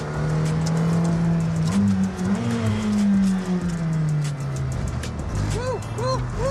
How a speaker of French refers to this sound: Ah, c'est un gros freinage. Elle est plaquée au sol. Et moi ce qui me bluffe c'est les freins. Ouais. Bon bien sûr la puissance est phénoménale. Mais là, avoir un tel niveau de puissance de freinage alors qu'on a une piste mouillée.